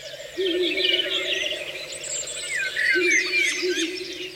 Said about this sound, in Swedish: Där var det en slagugla som ropade.